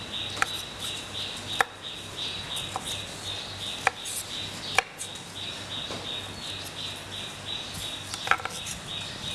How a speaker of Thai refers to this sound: ก็ลวกเช่นเดียวกันนะคะต้มน้ำลวกให้สุกนะคะก็หั่นชิ้นพอคำนะคะ